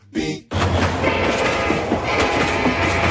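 A brief burst, then a train rumbles steadily past on the rails: loud, continuous low roar with clattering noise layered on top and no voices.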